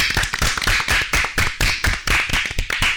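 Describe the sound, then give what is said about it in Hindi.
A group of children claps together in a lively, rhythmic burst, sharp hand slaps repeating quickly and steadily for a few seconds, fairly loud, with no talking over it, applauding a correct answer. “बिल्कुल सही जवाब, जोरदार तालियां।”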